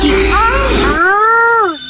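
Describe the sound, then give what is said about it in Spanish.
A voice imitates an ambulance siren with a long, wavering wail that rises and holds steady before dropping off, loud and tonal, with a rough noisy texture underneath for the first half. “No, esa ya es una ambulancia, hijo.”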